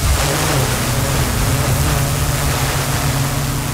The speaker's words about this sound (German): Ja, so klingt nämlich eine spezielle Drohne, die die Einsatzkräfte da gerade testen. Was daran so besonders ist, es ist eine autonome Drohne.